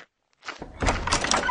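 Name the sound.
door being opened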